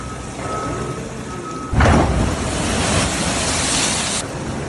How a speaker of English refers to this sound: Have a look at that. Those are some big old waves there hitting the coast, and it's been really, really destructive in places like Long Beach, California. Yeah, this is the west coast of the U.S., and they've been getting battered by some huge waves